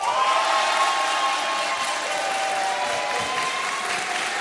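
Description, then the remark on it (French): Sustained applause from a crowd gathered at the Hôtel de Ville for France Inter's live midday broadcasts. It is a dense steady wash of clapping with some cheering mixed in, welcoming the presenters and holding at an even, fairly loud level throughout with no one speaking over it. “Vous avez un grand sourire parce que c'est agréable d'être accueilli et applaudi comme ça.”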